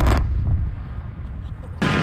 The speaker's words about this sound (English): You'll hear the explosion of the volcano. Then you'll hear them running and S-ing themselves, and you'll hear more. You'll hear other thuds. That's the giant pieces of burning rock hitting the ground around them.